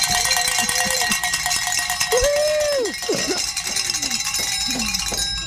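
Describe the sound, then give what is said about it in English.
Cowbells rung by kids clang loudly and repeatedly in a busy, uneven flurry of metallic strikes during a radio fundraising drive, several bells overlapping over a constant noisy background, with a few sliding, bleat-like tones mixed in. “And those cow kids are very happy they got to ring some bells.”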